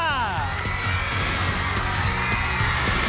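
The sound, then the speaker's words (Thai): A crowd cheers and whoops over a dense, steady wash of clapping, welcoming two student teams from Mo Witthayanusorn and Mahavajiravudh Songkhla schools at an English-language quiz show by Chulalongkorn University, with high rising shouts near the start and continuous noisy applause throughout. “ขอเสียงปรบมือต้อนรับน้องๆทั้ง2ทีมนะครับจากมอวิทยานุสรณ์และมหาวชิราวุธสงขลา”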